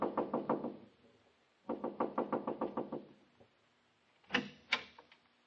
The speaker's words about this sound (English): The house was quiet like nobody was at home. But I saw a dim, spooky light inside somewhere. So I just kept knocking and knocking.